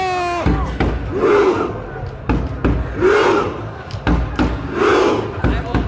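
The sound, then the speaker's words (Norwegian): A large crowd in Oslo, Norway, with the crown prince among them, cheers and shouts loudly and continuously, voices swelling together in three rhythmic, chant-like surges, after a brief high whistle-like tone at the very start. “Veldig god del folk her som rodde. Blant annet kronprinsen var i folkemengden her.”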